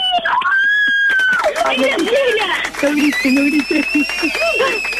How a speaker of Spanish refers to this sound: No grites.